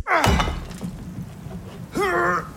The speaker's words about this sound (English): When your husband's got his heart set on making the do-a-upper open plan, enjoy every thudding second of it.